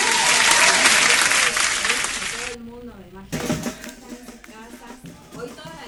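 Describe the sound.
A loud burst of recorded applause, played on a radio show to greet the wellness coach guest, crackles densely for about two and a half seconds, then cuts off sharply as a man starts talking.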